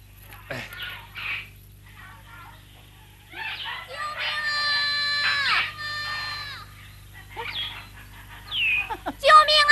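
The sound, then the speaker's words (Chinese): A child cries out in high, wavering wails, short bursts followed by one long drawn-out cry, with a low steady hum underneath and a louder burst at the end. “好像又叫了一声，像是一个孩子。”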